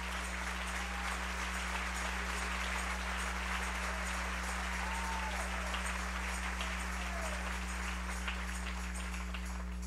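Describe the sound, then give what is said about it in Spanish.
An audience at a morning church service applauds the King (God) steadily for about ten seconds, a dense, even patter of many hands clapping over a low constant hum, with a few faint voices calling out beneath it. “Dele ese aplauso al Rey en esta mañana.”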